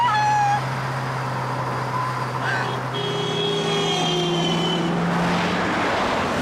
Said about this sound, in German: Mama, da kommt ein Auto.